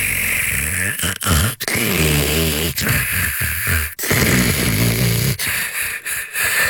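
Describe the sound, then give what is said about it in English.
Loud, rattling snoring goes on almost without pause, a harsh buzzing drone that swells with each breath and breaks off in a few brief gaps between snores. “Now imagine a Leva Sleep adjustable bed with anti-snore mode”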